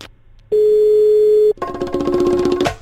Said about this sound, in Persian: گوشی برنمی داره.